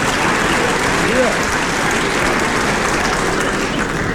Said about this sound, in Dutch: Lijken me de dames te zijn die nou klappen.